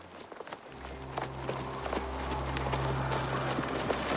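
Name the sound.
horses approaching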